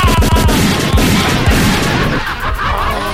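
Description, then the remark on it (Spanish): A rapid burst of gunfire, with several sharp, loud shots cracking in quick succession over a dense, noisy wash, then trailing off into a fading rumble. “Deme una ráfaga de balazo.”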